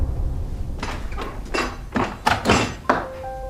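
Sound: door being closed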